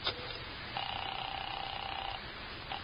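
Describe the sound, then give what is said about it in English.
A telephone being dialed: a sharp click, then a steady electronic tone held for over a second, then another click. Thin, with no voices. “Let me use your phone.”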